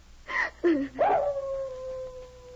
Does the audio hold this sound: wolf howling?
yes